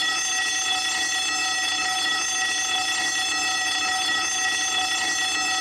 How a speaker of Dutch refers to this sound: Ik hoorde de schoolbel. De schoolbel, zij deed het wel.